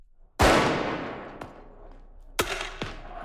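A loud, sharp bang opens with a long echoing decay, followed by several more explosive cracks at irregular intervals: fireworks thrown by masked people at riot police in the streets of Paris, during clashes after Paris Saint-Germain's Champions League final win over Arsenal.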